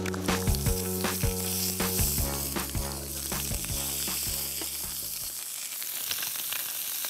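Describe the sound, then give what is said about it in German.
Steady crackling sizzle of food being briefly seared on both sides on a charcoal grill, dense and continuous, with a low tonal hum and scattered sharp pops underneath that drop away after about five seconds, leaving the sizzle alone. “Wir grillen sie von beiden Seiten einmal kurz an, und damit sie schön die Röstaromen haben.”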